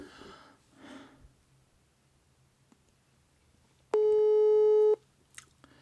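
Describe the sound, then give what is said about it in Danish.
A single steady electronic telephone ringing tone as a call is placed on a Danish talk radio show, about a second long and fairly loud, with a bright harmonic buzz, preceded by faint breathy noises and quiet background rumble. “Det er altså nemmere på den her måde, der ringer.”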